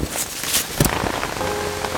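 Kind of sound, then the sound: nature, rain falling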